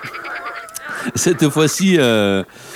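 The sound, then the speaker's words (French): A brief frog-croaking jingle for the radio segment 'Glaner sur le frog web, la toile de la grenouille': a quick run of loud, rhythmic throaty croaks ends in one long, drawn-out croak. The croaks sound vocal, like a voice imitating a frog. “Hein, glaner sur le frog web, la toile de la grenouille.”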